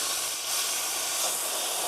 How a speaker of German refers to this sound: Dampflanze wird vorbereitet, dass man damit auch Milch schäumen kann.